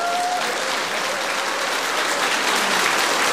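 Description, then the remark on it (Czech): A crowd in a hall in Luhačovice claps steadily at the opening of the springs for the start of the spa season, a dense, sustained wash of applause holding at an even loudness for a few seconds with no voices on top. “Já zdravím vás v sále, vás na balkónech i vás, což se ještě nikdy nestalo, kteří se do sálu nedostali, už nesehnali lístek, ale my jsme to udělali tak, že oni stojí před sálem na schodišti, tleskáme i vám.”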